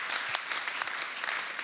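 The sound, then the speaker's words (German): Steady applause from a crowd at an election campaign speech, dense and continuous with many overlapping claps forming a loud, even wash of sound and a few sharper peaks throughout. “Das ist euer Applaus.”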